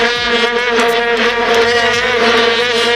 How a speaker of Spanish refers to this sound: en Johannesburgo, 11 de julio de 2010, en las gradas un molesto, pero al que nos acabamos acostumbrando, zumbido permanente que provenía, seguro que lo recuerdan, de aquellas largas trompetas de plástico, las famosas bubucelas.